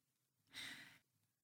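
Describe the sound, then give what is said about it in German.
A single deep, airy breath, fairly loud, rushing out for about half a second before fading back into near silence, taken as part of a conscious breathing exercise. No one speaks. “Wir atmen einige Male tief ein und aus.”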